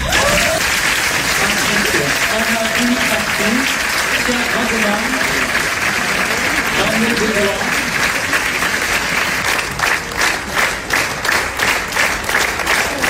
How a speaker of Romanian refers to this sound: Jurnalul unei cameriste a fost aplaudat minute în șir la Cannes.